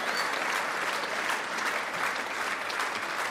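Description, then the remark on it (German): A crowd applauding the guitarist steadily, dense overlapping claps forming a continuous, fairly loud wash of sound that holds without a break throughout. “Das ist ganz schön heiß, so zu klatschen, so ganz so lange.”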